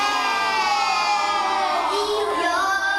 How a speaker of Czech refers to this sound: Děti tu ve třídě nesedí v lavicích, ale v kroužku na koberci. Překřikují se, odpovídají na otázky a přitom se dozvídají, jak pečovat o své zdraví.